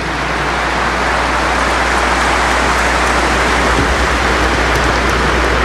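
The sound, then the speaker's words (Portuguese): An audience at the Aparecida shrine applauds the word of Jesus, a dense, even wash of many hands clapping that holds at a constant loud level for several seconds with no voices breaking through. “salva de palmas a palavra de Jesus.”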